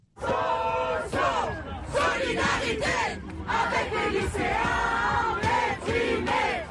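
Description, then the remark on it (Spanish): A large crowd of university students, waving a Student Union flag, chants in unison a slogan of solidarity with secondary-school students, loud, with rhythmic shouted phrases repeating continuously and no pauses. “Solidaridad con los estudiantes de secundaria deprimidos, gritan los estudiantes universitarios que ondean una bandera del sindicato de la Unión Estudiantil.”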